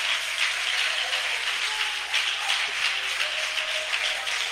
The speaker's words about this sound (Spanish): Dele un aplauso fuerte, fuerte, fuerte a Dios.